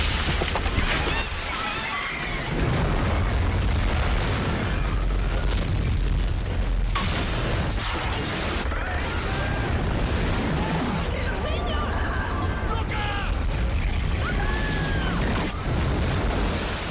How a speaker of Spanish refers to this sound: Les voy a poner una parte de la película en donde el tsunami está sucediendo. Él está en una piscina y pues deja caerse todo el agua. Miren, vamos a escucharlo rápidamente.